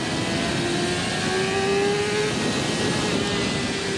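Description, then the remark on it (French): The engine of a tall motorcycle drones steadily while riding on a bumpy road, its pitch slowly rising, over constant wind and road rumble, with no one talking. “Autre truc aussi, c'est que la moto elle est très haute.”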